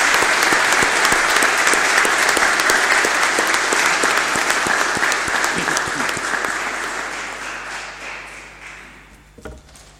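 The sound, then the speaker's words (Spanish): A large crowd claps steadily at a Día de las Glorias Navales celebration, a dense wash of many hands that stays loud for several seconds before gradually thinning and fading out near the end. “En el honor de nuestros héroes y en la alegría de ser hermanos, brindamos un fuerte aplauso a todos, a nuestra familia, a todo nuestro hogar y a este día bendito.”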